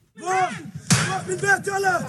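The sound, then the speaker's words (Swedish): A loud, sharp bang as teenage settlers attack the locked metal gate to a Palestinian family's property in Al-Murayr, central West Bank, cuts in once with a clattering ring, while raised voices shout before and after it. “Så här låter den när tonåriga bosättare ger sig på den låsta grinden till en palestinsk familjs ägor i Al-Murayr, centrala Västbanken.”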